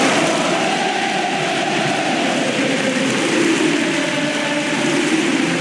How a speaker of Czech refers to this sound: Takto bouřlivě slavili fanoušci Sinnerův triumf v Římě.